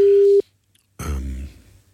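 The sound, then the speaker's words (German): A short, steady electronic telephone tone sounds once, clear, then cuts off into silence before a louder, buzzy burst of sound follows; a phone call is being placed. “Wir rufen noch mal an.”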